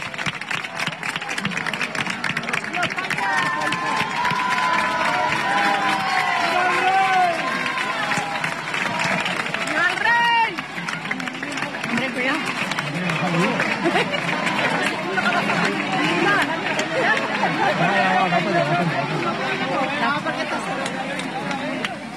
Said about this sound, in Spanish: Hay aplausos a la llegada de los Reyes, precisamente. Este es el ambiente que se respira.